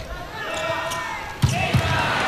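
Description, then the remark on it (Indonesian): Two sharp, hard volleyball impacts land together, a loud smack from a hard spike by Boy Arnes followed quickly by a second hit, over a steady arena crowd murmur with a voice talking in the background. “Keras sekali pukulan dari Boy Arnes.”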